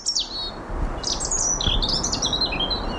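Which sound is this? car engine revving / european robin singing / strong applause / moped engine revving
european robin singing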